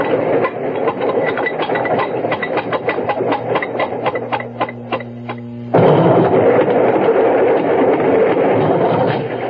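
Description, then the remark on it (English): A train wagon rolls along the rails with a steady, rhythmic clickety-clack over a low droning rumble, then abruptly swells into a louder, rougher roar. No one speaks. “Glad to get out of that wagon.”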